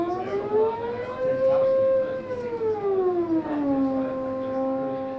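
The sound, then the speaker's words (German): A Haken Continuum keyboard plays a slow glissando: one sustained, bright synthesized tone slides smoothly upward, holds, then glides back down, steady, almost like a siren. “Aber man kann auch eine Glissando machen.”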